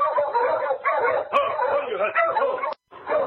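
A sled dog team barks and yips excitedly, many overlapping voices in a loud, continuous clamor that stops for a brief moment near the end before starting up again, as the team draws up and stops on the main street of 40 Mile at night in light falling snow.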